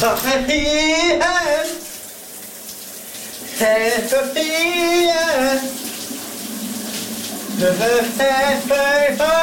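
Shower water runs in a steady hiss throughout while a man sings loudly over it in the morning shower, in three sustained, wavering phrases separated by short pauses.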